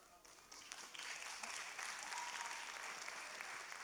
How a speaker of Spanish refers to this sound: Así que vamos a darles con un fuerte aplauso para que ellos puedan empezar a hablar todo lo que nos tienen preparado el día de hoy.